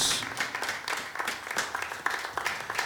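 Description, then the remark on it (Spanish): An audience claps hands for the Lord in thanks, a dense, sustained burst of applause, many overlapping sharp claps forming a steady crackling wash for several seconds with no speech. “Démosle palmas una vez más al Señor, porque estamos agradecidos.”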